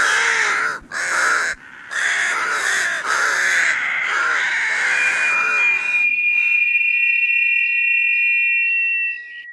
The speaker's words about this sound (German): Die Saatkrähe hat's nicht leicht und auch deshalb ist sie der Vogel der Woche. Das schwarze Viech mit dem weißen Gesicht.